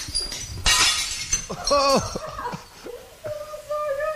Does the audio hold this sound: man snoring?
no